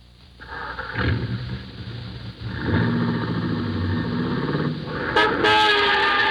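A car horn honks in several long, insistent blasts during a near collision with a car's fender, loud, over a rumble of engine and traffic noise, with the final blast the sharpest and most urgent.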